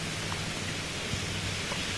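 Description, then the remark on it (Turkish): Steady, dense rain hiss fills the whole clip at an even level, a broad wash of noise with no voices or distinct drops standing out; rain falling outdoors in Turkey, part of rainfall that began in the morning and covers the whole country, including Istanbul. “Öyle ki sadece İstanbul'u da değil, tüm yurdu etkisi altına alan bir yağıştan söz ediyoruz.”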